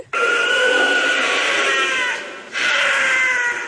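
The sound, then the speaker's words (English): A wild cat lets out two long, harsh, raspy screams, loud and strained, with a short gap between them; the cry sounds eerily like a woman shrieking, with no other sounds around it. “Well, some people think it sounds like a woman screaming.”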